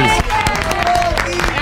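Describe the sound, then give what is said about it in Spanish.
Loud, steady audience applause for a singer, a dense wash of clapping with cheering and whooping voices mixed in throughout. “Bien fuerte el aplauso para ….”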